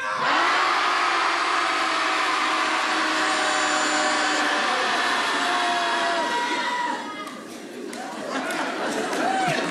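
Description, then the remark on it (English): A group of people at a Shouting Society gathering in Portland shout together at full volume on a count of three, a dense, sustained roar of many voices lasting several seconds, dipping briefly before swelling again toward the end. “So when I'll say 1, 2, 3, and then we'll all just let it out.”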